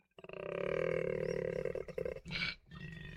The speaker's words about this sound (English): The male koalas bellow at each other.